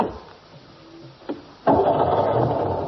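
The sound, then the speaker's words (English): A low idle rumble and a sharp click, then the engine of the Bishop's enormous old 1934-model car roars into a loud, steady, rattling run. “What are you doing driving that enormous car, Bishop?”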